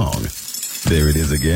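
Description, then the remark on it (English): A short, gritty rattle of Downy Unstoppable Scent Beads pouring into a washing machine, a clinking burst of about half a second, set between stretches of a person talking. “That's the sound of Downy Unstoppable Scent Beads going into your washing machine and giving your clothes freshness that lasts”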